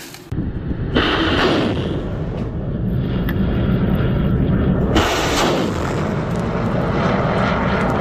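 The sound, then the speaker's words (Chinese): A reconnaissance drone's engine roars loud, a steady, continuous drone with two sudden swells of intensity partway through, and no voices, as a drone unit flies to its reconnaissance position over a target area to check planned targets during a military exercise. “无人机分队快速抵达预定侦察阵位，对计划内目标进行侦察核对。”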